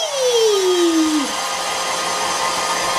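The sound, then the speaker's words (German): A hair dryer blows steadily, a loud continuous whoosh of air, with its motor whine sliding downward in pitch during the first second before settling into an even rush, as someone's hair is being blow-dried. “Gut, jetzt mal deine Haare föhnen.”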